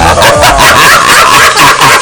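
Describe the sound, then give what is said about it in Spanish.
A dog barks loudly and repeatedly in a quick, steady string of about seven sharp yaps, with no one speaking over it. “El otro es el perro.”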